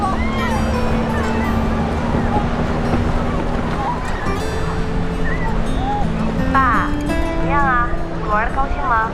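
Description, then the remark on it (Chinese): A jet ski's engine drones steadily, its pitch climbing in steps as it speeds across rough, choppy sea waves in strong wind amid constant spray, with a child learning to ride it with an instructor. Indistinct voices and cries rise briefly near the end. “如果海浪跟摩托艇的惯性相吻合的话，反而是一种推力。”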